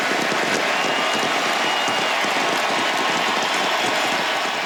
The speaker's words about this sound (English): They would not stop cheering for Lionel Messi last night in the Argentine capital. It was his final appearance for the national team, a terrific career.